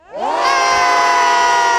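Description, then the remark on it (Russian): A group of children bursts into a loud, sustained shout to scare off a bear during a safety practice, their high voices rising quickly and holding together as one long, noisy cry. “Получается, медведя нужно отпугивать прям шумом, да, таким, либо криками громкими.”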